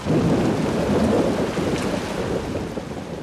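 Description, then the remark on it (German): A thunderstorm at the Aix-en-Provence festival rumbles low and steady while heavy rain hisses down continuously and loudly, with no voices present. “Also immer Sonnenhut und Regenschirm einpacken.”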